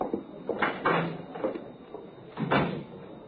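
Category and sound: household object, door opening and closing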